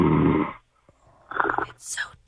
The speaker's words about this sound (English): Hello, Poppy. Welcome. Poppy? Oh, is he sleeping? He's got snoring problems.